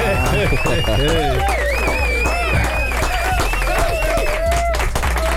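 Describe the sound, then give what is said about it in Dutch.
An audience claps steadily to welcome a young talent from Tilburg as he walks to the mic. The applause is dense and continuous, mixed with overlapping voices, whoops and cheers that rise and fall in pitch. “Dus een extra lange 5e applaus voor hem.”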